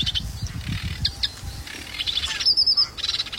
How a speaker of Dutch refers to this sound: Ja, ook zwaar onder de indruk van de virtuositeit van de Rietzanger met al zijn belletjes en knorretjes en rateltjes.